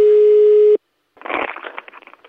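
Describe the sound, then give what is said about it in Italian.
A steady, single-pitched telephone line tone after the line apparently dropped during a phone call sounds for under a second and cuts off, followed by a short silence and then a burst of rough, crackly noise. “Deve essere caduta la linea, chiamo il vicino.”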